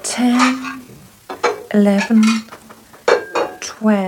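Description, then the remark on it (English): Dishes and cutlery clatter on a side table in a series of bright clinks and knocks as a room is readied for a Passover meal, with short ringing tones between irregular bursts of rattling across a few seconds. “Are there enough dishes on the side table? Plenty, mistress.”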